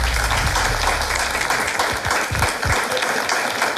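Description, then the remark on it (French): A game show audience applauds steadily, a dense wash of many hands clapping at an even, loud level throughout, with no voices over it, congratulating contestants who reached the final. “Félicitations les amis, on peut vous applaudir.”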